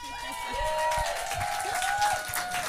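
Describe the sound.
Steady crowd applause for the first performer of a comedy show, with broad noisy texture, mixed with murmuring voices and a few tonal whistle-like lines over it, holding a fairly even level throughout.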